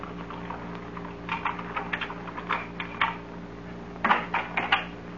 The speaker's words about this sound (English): I heard footsteps outside the house. Footsteps? Just listen.